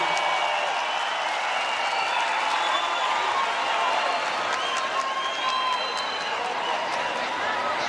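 A large concert crowd at the Coliseu applauds and cheers continuously, a dense wash of clapping with shouts and whistles rising over it, steady and loud throughout with no pauses.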